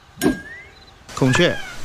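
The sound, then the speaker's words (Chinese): A peacock gives two loud, nasal calls: a short sharp cry, then after a pause a longer wailing call with a strained, harmonic tone. A faint high whine lingers between them. “孔雀不能吃哦。”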